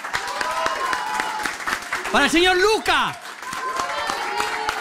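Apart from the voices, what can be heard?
audience applause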